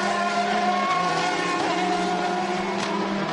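Loud, continuous high-revving racing engines whine over a constant roar, their stacked tones shifting in pitch as cars pass on a circuit, including Sean Galele's car hitting the curbs at Anta Alta and running under the DHL advertising hoarding, through a right kink into the Lavazza corners. No voices are heard.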